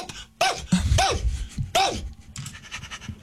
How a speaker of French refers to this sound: Là, le chien réagit énormément, puis tout est beau.